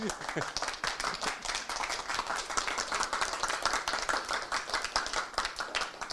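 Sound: audience applause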